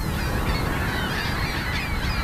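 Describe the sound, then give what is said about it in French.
A dense chorus of gulls calling at once, harsh overlapping cries that stay loud and unbroken throughout, as a flock rises off a roof after a pyrotechnic pistol is fired to scare the birds away. “les goélands retournent à leur nid quelques secondes seulement après le déclenchement du pistolet pyrotechnique”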